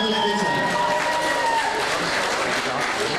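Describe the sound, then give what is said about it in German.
A large crowd of fans applauds steadily to welcome the FC Bayern München presenter at a fan event in Marienberg, dense clapping with a few cheers and whistles rising over it, loud and sustained throughout. “Und nun begrüßen wir ganz herzlich in unserer Mitte, ich hatte die Fans schon gebeten, sich vielleicht wieder zu platzieren, mit einem besonderen Applaus die Moderatorin des FC Bayern München, meine Damen und Herren.”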